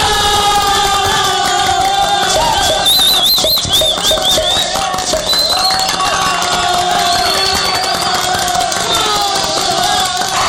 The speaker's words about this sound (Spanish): Qué bien, un aplauso para el profesor